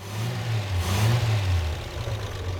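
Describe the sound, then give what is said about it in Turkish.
An engine, just started after being sprayed, runs with a low, rough drone, rising briefly in a rev near the middle before settling back to a steady, uneven idle. No one speaks. “Bence ısındığında rölantide çalışacak. Mükemmel çalışıyor. Ayrıca rölantide de çalışıyor.”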